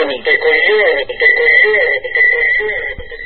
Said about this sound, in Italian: Va bene, basta con l'effetto eco.